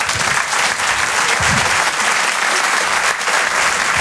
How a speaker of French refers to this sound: Je vous demande de l'applaudir très fort, s'il vous plaît.